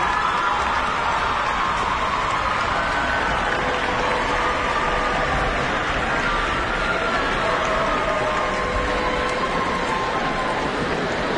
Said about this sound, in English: Yes, you can applaud.